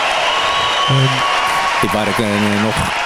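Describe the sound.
Steady, dense applause fills the whole clip as a continuous hiss of clapping, with a few short voiced calls or words rising above it partway through.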